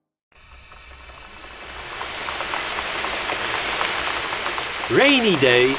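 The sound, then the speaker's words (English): Steady rain patters and hisses, fading in and growing louder over several seconds, until a voice briefly sings over it near the end. “Rainy day, where can I play?”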